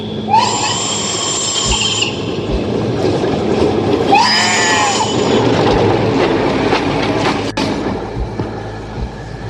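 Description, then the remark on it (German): A high-speed ICE train roars past, a steady heavy rumble carrying two bursts of shrill, screeching wheel squeal, with no voices. “Wenigstens hat der ICE da drüben gerade das Schaf überfahren.”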